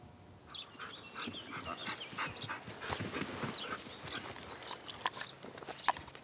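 Several dogs bark and yelp in scattered bursts at a dog training school, with panting and pattering movement around them, and no one speaking.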